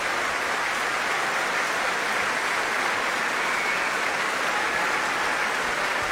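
Sustained applause from a large audience for the Laurens Symfonisch choir, a dense, steady wash of clapping that holds at an even level for several seconds with no voices over it.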